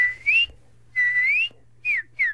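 A northern cardinal sings in a yard in Ithaca: four clear, slurred whistled phrases, two long rising ones followed by two short dropping notes, over a faint steady low hum.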